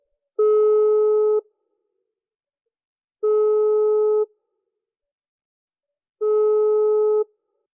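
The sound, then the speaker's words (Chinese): A phone's ringback tone purrs three times as a call to an uncle is dialed, each steady one-second buzz separated by about two seconds of silence, clear with no voices. “我马上拿电话啊，我给这个小叔打电话。”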